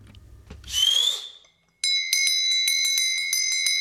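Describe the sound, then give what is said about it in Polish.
A brief scraping squeal, then bright bells ring out in a steady rapid pulse, loud, continuing to the end with no voices. “Babko, dzwonią!”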